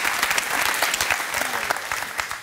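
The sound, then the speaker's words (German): An audience in a BR studio in Munich claps steadily for a 95-year-old guest, a dense, continuous patter of many hands at an even loudness throughout, with no voices standing out above it. “Und da ist Applaus.”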